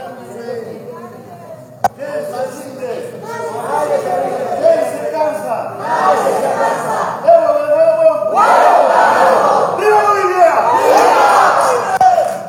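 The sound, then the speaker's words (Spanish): A large crowd in the Chamber of Deputies shouts the protest chant "Who gives up? Nobody gives up" in unison, the rhythmic voices swelling after a sharp click at the start and staying loud and sustained to the end. “Ese grito de los pititas, fachos, motoqueros, golpistas.”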